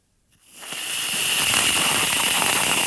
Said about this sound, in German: Ja, ich mach mal ein Geräusch. Das ist Sprühsahne in der Dose. Wenn man die raussprüht, hört es sich folgendermaßen an.